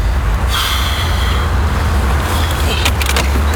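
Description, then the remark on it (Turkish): Steady, loud rumble of a car being driven, with deep low-end engine and road noise throughout and a few brief hissing, scraping bursts near the end. “Ali durdur şu arabayı. Ya duramam.”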